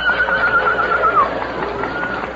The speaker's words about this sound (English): Footsteps approaching on horseback. It is the cavalry.